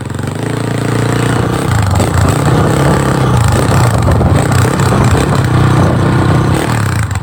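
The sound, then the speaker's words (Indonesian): A motorcycle engine runs steadily as the motorcycle is ridden, its low rumbling drone loud and continuous with slight rises in revs and some rattling clatter throughout. “tengah naik motor.”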